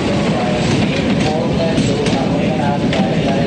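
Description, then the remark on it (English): A train rolls steadily along the rails through snowy mountains, a loud, continuous rumble with faint metallic clatter and squeal running through the whole stretch. “A train travels through snowy mountains.”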